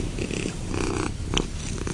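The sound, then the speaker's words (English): A female domestic cat purrs loudly and steadily, a continuous low rumbling vibration with a brief faint squeak partway through and no one talking. “I'll make her purr real loud if you want to do it.”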